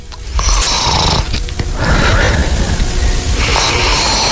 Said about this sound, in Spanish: escuchemos cómo es el ronquido de un hombre